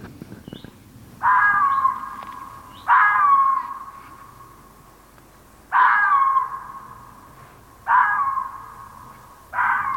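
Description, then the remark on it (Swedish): A female red fox barks five times, each call a loud, harsh, drawn-out yelp with a raspy edge, spaced irregularly a second or two apart against a quiet outdoor background. “Det här är en hona som skäller.”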